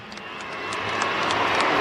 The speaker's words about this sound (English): It's interesting they're booing him, but there's more New South Wales people in this stadium than there are Queenslanders.